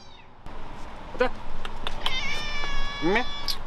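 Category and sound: animal, cat meowing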